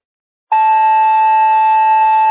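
A loud, steady electronic dispatch alert tone for Whitewater Fire and Ambulance 121, sent for a person who has fallen, starts abruptly after a brief silence and holds one unbroken pitch with a buzzy, radio-filtered edge, like a fire dispatch paging tone. No voices.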